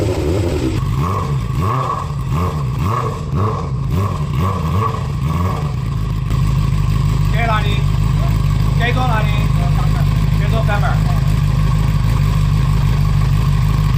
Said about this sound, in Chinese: 巡查期间，民警在崇州江源南路又连续查获两辆私自加装排气阀门的改装摩托车。